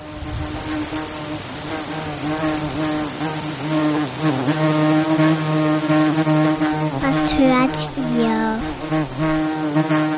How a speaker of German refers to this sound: Das ist eine Biene, die an Mikrofonen rumschwirrt. So gleichmäßig summt das Insekt herum, dass es sich ein bisschen anhört wie ein Rasenmäher oder ein Rasierapparat.